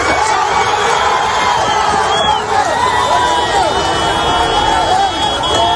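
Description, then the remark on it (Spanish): A dense crowd of rescuers at earthquake rubble shouts and calls out at once, loud, with overlapping urgent voices and cries over a constant roar of agitated babble, as someone below the tangle of iron and bricks shouts to be heard. “Quiero que escuche, Sergio, este momento en el que alguien desde ahí abajo grita para que le oigan.”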